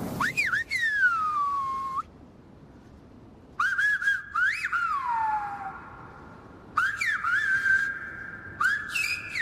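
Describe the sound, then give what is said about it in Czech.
Whistled language used by shepherds on the island of La Gomera in the Canary Islands: three loud, clear phrases of sharp, sliding whistles that swoop up and down in pitch, separated by short pauses, with no talking. “Existuje ostrov La Gomera. Pastevci na něm užívali hvízdaný jazyk.”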